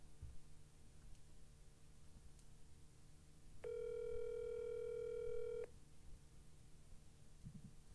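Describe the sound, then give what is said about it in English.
A single steady electronic phone ringing tone from an outgoing call placed with Siri, sounding for about two seconds over a faint low background hum with no one talking. “Hey, Siri, call Lisa. Calling Lisa.”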